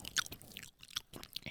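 Wet, squelchy chewing of canned tuna, a steady run of moist smacks and crackly mouth noises with small bursts of brighter clicks, fairly quiet and with no talking.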